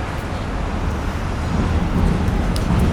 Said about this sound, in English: And now, at the end of the day, the sun has come out again, and the city is coming alive once again. The city of London. Yeah, with the classic taxis, the buses, the bridges over the Thames.